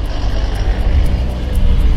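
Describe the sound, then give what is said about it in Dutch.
A firefighting airplane drones overhead while fighting forest fires in France, a steady, loud low rumble of engine noise with a broad roar filling the whole two seconds, with no voices. “Met blusvliegtuigen en bluswagens proberen honderden brandweermensen en vrijwilligers het vuur onder controle te krijgen.”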